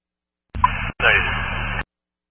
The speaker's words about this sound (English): Covered in static.